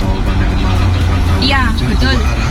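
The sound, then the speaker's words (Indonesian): A steady rumble of road traffic on the way to a toll road, with engines droning continuously, while someone talks briefly over the noise partway through. “Lanjutkan lalu lintas ini.”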